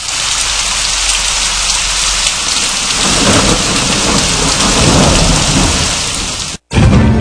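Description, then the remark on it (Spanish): Heavy rain pours steadily in a dense, hissing roar while deep thunder rumbles and swells underneath, loud, then cuts off abruptly near the end. No voices. “Y en Bonao está medio nublado a nublado en la tarde, aguaceros, tronadas y ráfagas de viento.”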